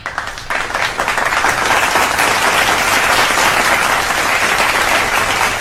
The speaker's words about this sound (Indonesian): Yes, Korea Selatan tepuk tangan dulu.